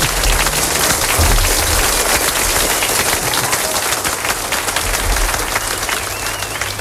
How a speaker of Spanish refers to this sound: Venga, pues dale, adelante. Un aplauso, venga, adelante.